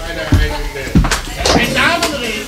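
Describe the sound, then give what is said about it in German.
A couple of dull, low knocks on a door, spaced about half a second apart, followed by some sharper clatter, with a voice murmuring underneath. “Hat es noch nicht geklopft? Schauen Sie mal nach, wer da ist.”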